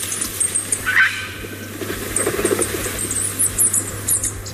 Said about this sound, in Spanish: El sonido de la vida en Navarra podría ser este, el sonido de dos nuevas águilas de Bonelli que vuelan ya por Navarra antes de emprender su vuelo hacia otras zonas, dispersarse.